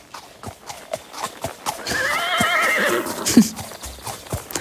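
Hooves clip-clop in a steady rhythm while a horse lets out a loud, wavering neigh in the middle; no one speaks.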